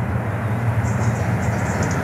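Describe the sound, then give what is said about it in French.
A train rolls past a herd of 60 Limousin cows with a steady, heavy low rumble and broad mechanical noise, a few faint high tones drifting over the top. No one speaks. “Ces 60 vaches limousines, elles, continuent à regarder passer le train sans s'émouvoir.”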